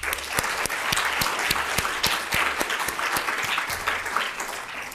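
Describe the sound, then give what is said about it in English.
An audience applauds to congratulate the hosts of an event. Many clapping hands form a steady, dense wash, with sharp individual claps standing out, holding an even loudness throughout without any voices. “If we can give them a round of applause.”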